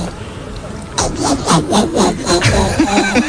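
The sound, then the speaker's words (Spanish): A woman's voice imitates a lark on Basque regional television, ETV, with a fast series of raspy, chirping trills. About eight rhythmic bursts follow a short quiet opening and stay fairly loud throughout. “Un alondra.”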